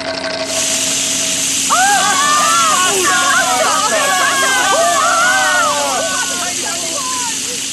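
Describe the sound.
A huge water fountain gushes upward with a loud, steady rushing hiss that starts abruptly and keeps going. Excited voices of a crowd chatter and whoop over the spray.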